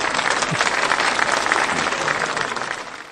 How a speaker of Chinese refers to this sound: 我们为自己鼓鼓掌吧，好不好？